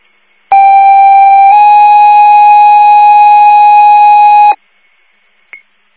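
A loud emergency dispatch pager alert, second tones calling for a driver or ALS, plays alone: a steady electronic tone for about a second, then a second, different tone held for around three seconds, followed by a brief faint blip.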